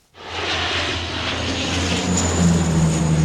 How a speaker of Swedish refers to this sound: Vidsträckta skogar i brand och flygplan som dumpar vatten.